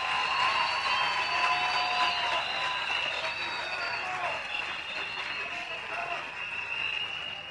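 An audience applauds steadily for several seconds, a dense, even crackle of many clapping hands that stays at a fairly constant loudness throughout, with a faint ringing tone underneath.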